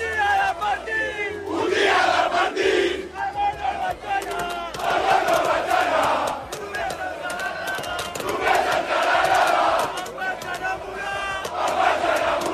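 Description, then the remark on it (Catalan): A large crowd of Barça football fans at the gate of Camp Nou cheers and shouts continuously as they crowd onto the car of players Casado and Valde. A dense roar of many voices with rising chant-like swells and whistles, loud and sustained throughout. “Casado i Valde van sortir del Camp Nou amb el cotxe i es van aturar a la porta del Camp Nou perquè la gent s'abraonés a sobre el cotxe.”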